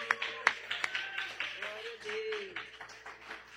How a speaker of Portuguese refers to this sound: Mas essas palmas aí para mim, obrigada. Para Jesus tem que ser melhor.